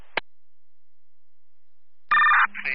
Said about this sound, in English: Stand by for tones.